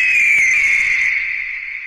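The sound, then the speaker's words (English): A bald eagle named Patsy, in the CT40 radio studio, gives one loud, high-pitched whistling call that holds steady for about two seconds, wavering slightly before tapering off, with no voices over it. “Even got a bald eagle right here in the CT40 studio sitting right by me.”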